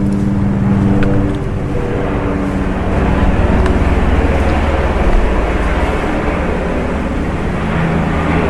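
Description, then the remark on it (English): A Coast Guard national search and rescue helicopter drones overhead in the sky, a loud, steady low rumble that fills the whole stretch without fading, with no voices over it. “if you can hear that noise, it is actually a search and rescue helicopter in the sky as we speak.”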